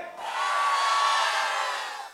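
On a count of three, a crowd lets out a loud, sustained roar together, a broad wash of many voices rising quickly, holding steady for about two seconds, then fading slightly at the end.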